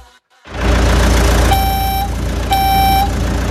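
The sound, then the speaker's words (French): A moving truck's engine rumbles steadily while its reversing alarm sounds two long, loud electronic beeps, about a second apart, with no one speaking. “Le camion de déménagement est là.”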